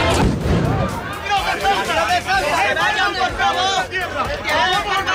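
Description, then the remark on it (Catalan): A loud, agitated crowd of protesters in Ceuta shouts and chatters in a dense roar. A few sharp, cracking bangs burst out over the din at irregular moments as police fire shots into the air to disperse them. “La policia ha hagut, fins i tot, ara ho sentíem, de disparar trets a l'aire per dispersar un grup de ceutís que protestaven contra l'arribada d'una associació navarresa,”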